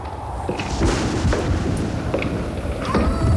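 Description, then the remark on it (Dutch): A door creaks open near the start, then heavy footsteps thud at a slow, steady pace over a dense, rumbling background, with a wolf howl, in a spooky sound-effect intro to an album version of a song. “De deur gaat open. Je hoort voetstappen. Je hoort een schreeuw.”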